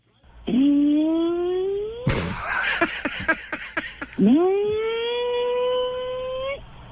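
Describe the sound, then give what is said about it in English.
A voice imitates the noise a car makes at about 2 to 3 minute intervals, which sounds like passing wind: a long rising, harmonic-rich tone, then a burst of rapid sputtering, raspy pulses, then another rising sustained tone that levels off, loud throughout. “And the noise that it makes is about a 2 to 3 minute interval. And it sounds like it's passing wind.”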